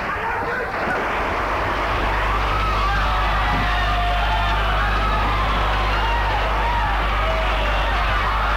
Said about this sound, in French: Il y a de plus en plus de cris. De coups de feu.